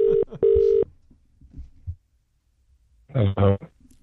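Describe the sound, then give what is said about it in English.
A telephone rings in a quick, clear double burst for an early-morning 6:40 a.m. call to a baker, then falls silent for a couple of seconds before a low, groggy voice briefly answers. “Yeah, so we called him early this morning to see how his pies were going, and this was his reaction.”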